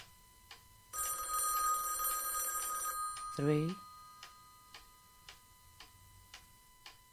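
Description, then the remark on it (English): An old-fashioned telephone bell rings three times in a loud, bright burst lasting a couple of seconds, while a clock ticks steadily throughout. “Three rings. Only three.”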